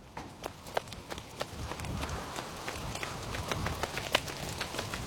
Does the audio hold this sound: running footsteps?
yes